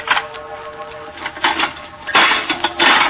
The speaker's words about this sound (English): There was a lock on the door. It was old and rusty. I'd come this far. I made up my mind. I picked up a stone. Smashed the lock.